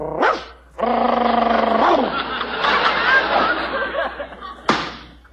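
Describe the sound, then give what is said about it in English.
A man's voice imitates a dog, giving a short yelp, then a long, harmonic growling howl lasting several seconds, ending with a sharp bark. Fairly loud, with no other sounds. He did this as the dog-faced boy in Howard's circus. “I was the dog-faced boy in Howard's circus.”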